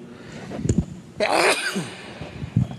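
One sharp sneeze bursts out after a brief quick inhale, then quiet breathing follows; no one is talking.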